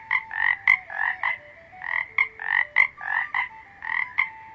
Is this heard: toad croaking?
yes